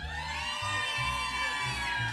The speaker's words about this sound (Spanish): Y de verdad, a ver que se escuche el grito de San Jerónimo.